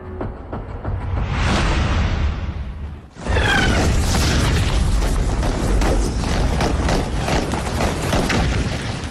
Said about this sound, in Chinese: 大约五点左右，枪声先从东北方向第三师团驻地顶旺村打响，紧接着西南方向也枪声四起，肃宁、饶阳的敌人围过来了。